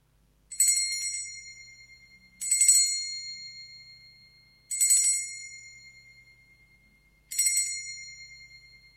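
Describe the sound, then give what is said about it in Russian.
A small bell rings four times at steady intervals, each bright metallic strike sounding clearly and then fading with a lingering shimmer before the next ring, with no voices present. “Давайте мы с вами, дорогие радиослушатели, сейчас позвоним в колокольчик, послушаем его звучание.”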